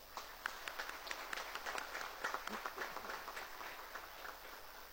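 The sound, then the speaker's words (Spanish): An audience applauds steadily to welcome guests at a celebration of the 450th anniversary of the birth of San Roque González de Santa Cruz, a dense patter of many hands clapping at an even, moderate level that carries on throughout without any voices. “A todos ellos les recibimos con un caluroso aplauso.”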